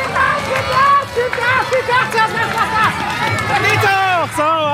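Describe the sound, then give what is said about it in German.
A lively crowd on the market square in Borken cheers and shouts continuously at the finish of a children's balance-bike race. Many high-pitched voices overlap in excited encouragement, loud throughout, with rising and falling calls near the end. “hat da mal sein Mikrofon reingehalten und einen Zieleinlauf mitverfolgt”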